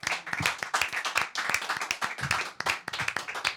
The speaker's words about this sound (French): Je pense qu'on peut t'applaudir en vrai.